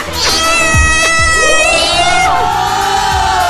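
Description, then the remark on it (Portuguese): A female cat meows loudly, a long, wavering, drawn-out cry that rises and falls over a few seconds, with a few soft thumps underneath. “Oi, a gata!”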